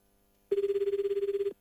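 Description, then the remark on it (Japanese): A single burst of phone ringback, about one second long, the second ring of an outgoing call: a steady, fluttering electronic tone that pulses rapidly, clear and alone with no voices. “電話2コール目”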